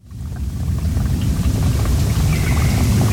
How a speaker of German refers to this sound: Im Wald oberhalb von Lenzburg plätschert ein kleines Bächchen. Das Wasser kommt von einigen Quellen weiter oben. Ein normaler Waldbach, könnte man sagen, wenn dort nicht vier Sperren wären, vier Biberdämme.